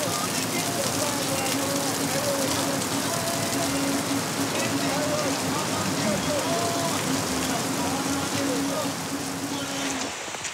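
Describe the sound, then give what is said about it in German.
Heavy rain pours down during a hash run, in a steady, dense, loud hiss across the whole recording, with a faint voice-like murmur running underneath. “Heftiger Regen macht die Hasch jetzt noch anspruchsvoller.”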